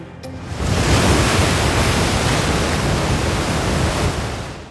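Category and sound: nature, surf waves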